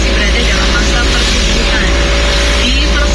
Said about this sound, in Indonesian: Itu tadi ya videonya kawan, kondisi lalu lintas di daerah Wendit, Kabupaten Malang.